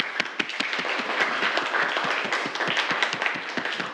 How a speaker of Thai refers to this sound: ปรบมือให้เพื่อนเลยนักเรียน